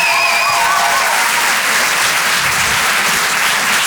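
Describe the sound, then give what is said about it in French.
Loud, sustained applause from an audience at the Rire et Chanson Comedy Club for Aymeric Lompré, a dense steady wash of clapping with a few faint whoops early on and no pause in between. “Je demande également un tonnerre d'applaudissements, s'il vous plaît, pour Aymeric Lompré.”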